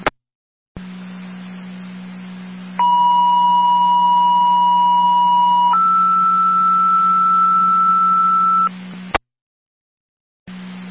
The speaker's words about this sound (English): Fire Control 2 Rapids, second set of tones.